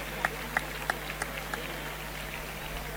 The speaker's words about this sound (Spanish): Los aplausos porque el toro se aguanta. Creo que tampoco es sinónimo de bravura el que toro se aguante ahora en la muerte.